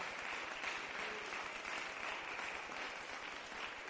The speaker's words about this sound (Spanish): Aleluya. Dale un aplauso al Rey. Gloria a Dios.